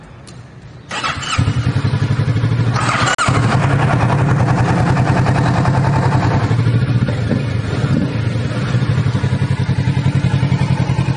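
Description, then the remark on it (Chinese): A motorcycle engine is started with its engine push start button after the key is turned on; it cranks and fires up about a second in, then settles into a steady, loud, throbbing idle with a low rhythmic pulse and a brief rev or clatter partway through. “它的 clutch， 它的 brake， cut off switch， engine push start button， 这个放手机的，给我们来开锁匙，我们 start 一下了哈。”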